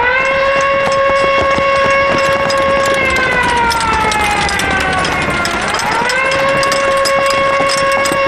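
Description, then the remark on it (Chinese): A loud, sustained alarm siren wails steadily with layered harmonic tones, its pitch dipping and sliding back up midway before holding again, over a constant noisy background. “啊！警报！警卫排全体集合，进城抓特务。”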